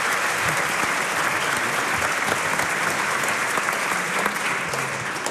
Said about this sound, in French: On peut l'applaudir. Bravo.